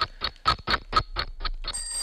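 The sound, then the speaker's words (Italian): An alarm clock rings in a rapid series of about eight sharp, bright clangs at a steady rhythm, loud, followed by a lingering high metallic ringing as it fades. “Salve, sono le 9 e 5 minuti e anche la sveglia questa qua. Chi mai usa più quella sveglia lì?”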